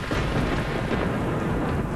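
A deep, continuous rumble from a missile strike explosion about 100 feet away rolls on steadily for the whole stretch, loud and broad like thunder, with no voices present.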